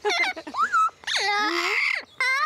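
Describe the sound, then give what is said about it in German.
A bird calls: a few loud, whiny cries with sliding, rising and falling pitch, separated by brief pauses and heard alone without any talking. “Den nehme ich immer einmal mit raus, wenn ich im Vogelrevier bin.”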